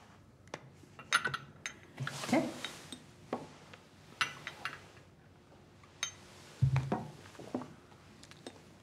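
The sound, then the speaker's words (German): Homemade egg liqueur (Eierlikör) being poured into a small glass: scattered sharp clinks and taps of glass and bottle, a brief soft gurgling pour, then a heavier clunk as something is set down. “Darf ich Ihnen ein Gläschen von meinem selbstgemachten Eierlikör einschenken?”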